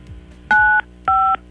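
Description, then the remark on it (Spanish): Two loud, steady dual-pitched beeps from a phone keypad as a caller dials 953 to spin a roulette game, each lasting about a third of a second, separated by a brief gap, with no talking. “Vas a tirar la ruleta marcando 953 y vamos a ver cómo te va, ¿sale?”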